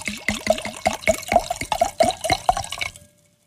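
Franconian Silvaner wine glugs steadily into a glass for about three seconds, a rapid series of bubbly splashes with rising pitch, then stops. No one speaks.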